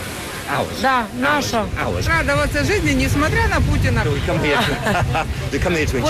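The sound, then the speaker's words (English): A lively crowd chatters all around, with many overlapping voices and shouts, over a steady low wash of surf and breeze at a crowded beach in Ukraine during the war with Russia. “Here you are on the beach, but this is the middle of a war.”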